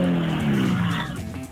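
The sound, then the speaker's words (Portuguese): A rally car, number 16 driven by Paulo Jesus, roars past, its engine note sliding downward as it goes by, with a rough scrape of skidding tires mixed into the loud, brief pass. “Com sérias dificuldades, o número 16, o Paulo Jesus.”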